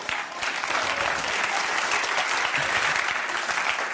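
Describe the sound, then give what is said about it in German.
A crowd claps steadily throughout, a dense, even wash of many hands applauding at moderate loudness with no voices standing out. “Nehmt den Applaus zurück.”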